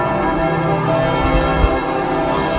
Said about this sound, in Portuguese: Às 9h58, quando o Papa Leão XIV aterrou em Paris, tal como anunciado, os sinos da capital tocaram durante 7 minutos